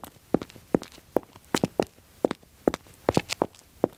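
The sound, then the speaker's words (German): Quick, bouncy footsteps performed as studio foley to sound cheerful, crisp, with sharp heel and toe taps in a lively, slightly skipping rhythm and no voices. “Jetzt probiere ich mal fröhlich.”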